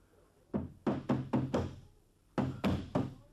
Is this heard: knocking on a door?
yes